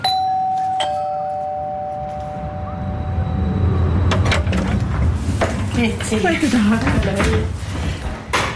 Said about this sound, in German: macht Türen auf zu einer Wohnung.